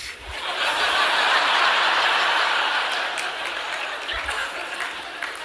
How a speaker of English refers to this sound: Now, I got a few claps on that, which I'm not asking for